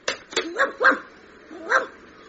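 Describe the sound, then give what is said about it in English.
A stray dog in a phone box barks in short, yappy bursts: a quick run of four sharp, fairly high-pitched barks, a brief pause, then one more bark. No one speaks. “Hang on, look, there's a stray dog in the phone box.”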